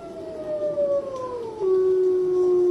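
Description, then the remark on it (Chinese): Several wolves howl together not far off in a snowy mountain nature reserve, in long, sustained, wavering tones that slowly slide downward in pitch. The chorus is fairly loud and steady, with no one speaking. “这只孤独的雪豹坐起身来，不远处响起了狼嚎声。”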